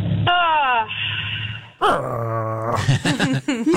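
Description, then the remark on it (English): Candy's dog growls and whines in a few drawn-out, tonal vocal bursts, rising and falling in pitch with short breaks between them, and no one speaking. “I think Candy's dog just changed the channel.”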